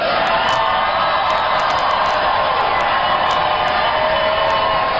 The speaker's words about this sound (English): What are you idiots cheering for?